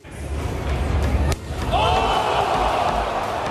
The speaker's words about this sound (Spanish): Comienzan las cachetadas. Así como los hombres se dan con todo, las mujeres también traen con qué quererse.